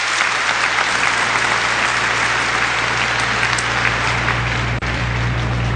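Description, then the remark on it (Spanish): An audience applauds Fulton J. Sheen again, a dense wash of clapping that stays loud and even for the whole stretch, with a low hum running beneath and no voices breaking through. “Lo aplauden de nuevo.”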